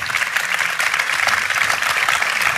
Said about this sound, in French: Bravo, bravo. On peut l'applaudir.